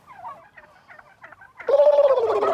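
turkey gobbling

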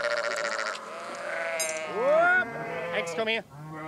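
flock of sheep bleating

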